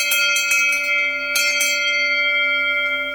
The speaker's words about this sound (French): Nous, à Noublous, c'est les cloches qui nous plaisent le plus, c'est des cloches Aubertino. Donc ça, c'est une fonderie qui est dans le Doubs. C'est une cloche ronde, on va dire en bronze, qui fait un son très clair et très perçant.